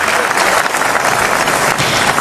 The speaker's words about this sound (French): Ah, ce que vous entendez là, Perico, ce sont les acclamations du palais du Festival de Cannes. Standing ovation, toute la salle, absolument. Pendant la totalité du générique.